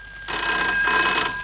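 A telephone bell rings in a rapid, continuous metallic trill, starting abruptly after a brief quiet moment and staying loud and steady to the end, with no voices.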